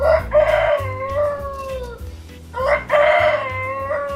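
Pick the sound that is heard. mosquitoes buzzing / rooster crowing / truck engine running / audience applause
rooster crowing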